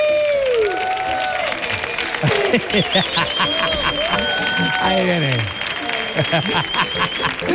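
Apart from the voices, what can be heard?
studio audience applause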